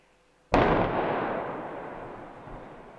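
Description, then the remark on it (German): The second, afternoon explosive demolition of a highway viaduct section at Ottfingen in Sauerland, Germany: a single powerful blast erupts suddenly, followed by a long, heavy rumble of collapsing debris that rolls on and slowly fades, with no voices. “Am Nachmittag mit dem zweiten Wumms war das Teil dann aber endgültig Geschichte.”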